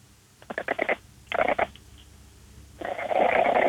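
An Exotic cat named Lady Vata, with a very flat face, purrs and snorts: two short bursts of raspy, rapidly pulsing breaths, then a longer, louder, rougher stretch of continuous wheezy purring.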